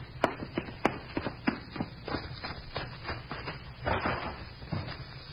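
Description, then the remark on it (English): A couple of sharp metallic clicks, like a door being locked, then a steady run of footsteps tapping along at an even, brisk pace with no one speaking. “Heard you lock the door?”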